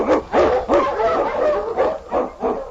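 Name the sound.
husky sled dog barking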